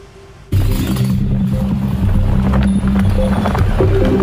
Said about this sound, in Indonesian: kuda itu tiba-tiba berlari ke jalan dalam kondisi tak terkendali hingga membuat warga sekitar panik